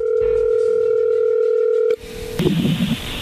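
A steady, loud telephone dial tone hums continuously for about two seconds as a phone call is being dialed, then cuts off with a click as the line changes, followed by muffled rustling and faint line noise.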